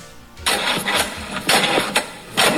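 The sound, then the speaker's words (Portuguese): A car engine cranks over and over in uneven, grinding bursts, the starter whirring loudly but the motor never catching and running because of the battery. No voices are heard. “Ficar na mão por causa da bateria?”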